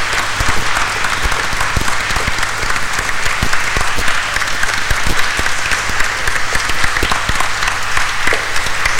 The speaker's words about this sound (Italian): Ed ora anche noi come comunità vi facciamo un grande applauso per questi 25 anni.